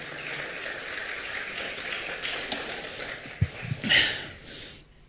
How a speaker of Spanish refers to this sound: Otro aplauso, por favor, a quien nos ha prometido eso.